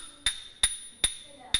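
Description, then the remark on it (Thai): Small ching finger cymbals struck together incorrectly four times at a steady pace, each strike a short, dull metallic clank that dies away quickly instead of ringing, with no voices. “แล้วถ้ากระทบกันแบบนี”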